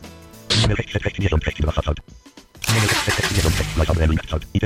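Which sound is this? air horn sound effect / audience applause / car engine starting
car engine starting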